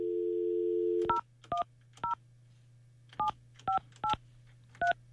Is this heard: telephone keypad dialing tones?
yes